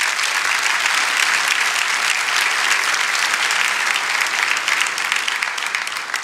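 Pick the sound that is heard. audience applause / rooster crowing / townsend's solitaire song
audience applause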